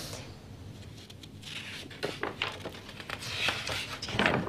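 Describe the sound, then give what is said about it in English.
Dry, crisp crackling of the stiff old pages of a handwritten minute book being turned, a series of irregular papery rustles and snaps that grow louder toward the end, with no voices. “Nice crackle sound of the pages.”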